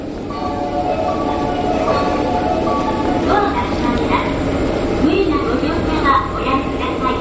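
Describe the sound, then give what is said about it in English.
A steady rumble of a train in Japan heading to Sagamihara, about 30 miles outside downtown Tokyo, a continuous mechanical drone with occasional faint clinks, while indistinct voices murmur beneath it. “So I went to Japan and started my reporting by taking the train to JAXA's Sagamihara Research Campus, about 30 miles outside downtown Tokyo.”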